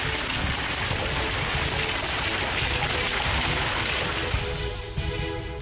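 Heavy rain pours down in a dense, steady hiss that stays loud throughout, easing slightly in the last second as a faint tonal hum comes through.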